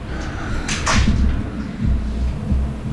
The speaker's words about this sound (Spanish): Puerta, fue que se cerró la puerta.